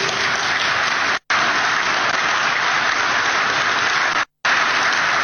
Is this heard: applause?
yes